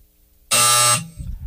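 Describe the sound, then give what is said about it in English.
A single loud, harsh electronic buzzer blares for about half a second, bright and raspy with dense harmonics, then cuts off abruptly into quiet low rumble. “Buzzer took you a long time to get that.”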